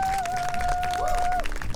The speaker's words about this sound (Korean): 큰 박수 주시면 감사하겠습니다.